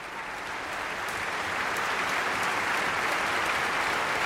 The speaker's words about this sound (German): Und im Saal ist heute auch Tönu Körwitz selbst. Der bekommt hier gerade seinen Applaus, ist mit auf die Bühne gekommen.